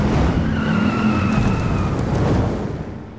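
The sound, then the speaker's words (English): Loud car engines roar at the Wyoming Moose Lodge Dust-Off Car Show while tires let out a sustained, rising squeal over the rumble, the noise holding steady before fading slightly at the end. “Be there when the engines roar.”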